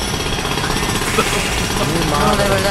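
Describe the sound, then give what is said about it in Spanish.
A power drill runs nonstop, loud, its harsh grinding roar filling the entire stretch without pause. “Y el taladro. Oye, ¿cómo va a ser? Suena esto aquí fuera del aire, oye.”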